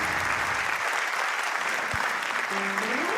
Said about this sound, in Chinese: 谢谢， 感谢大家， 谢谢大家， 掌声来哦